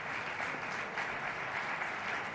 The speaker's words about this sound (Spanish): oímos aplausos, pero no vemos salir a Javier Perianes